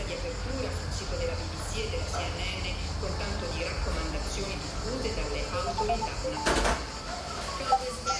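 Cicadas drone steadily in the summer heat of Rome in 2022, a continuous high buzzing that fills the whole stretch, with faint background clatter and a brief louder rustle near the end.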